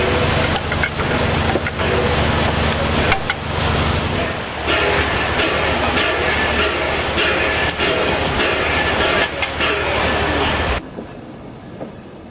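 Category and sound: vehicle, steam locomotive train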